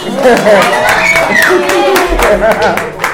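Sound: hand clapping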